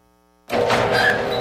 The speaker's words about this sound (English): Is your garage door creaking, squeaking, or just plain loud?